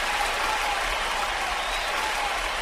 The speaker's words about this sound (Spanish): Así que un aplauso ahí para los carabineros.